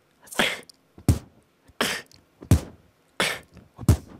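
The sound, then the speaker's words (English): A beatboxer repeats a breathy exhaled kick drum about six times in a steady rhythm, each hit a sharp low thump with a noisy hiss of air, loud and unaccompanied by talk. “And since this kick is like the breathing out technique, so just by doing this too.”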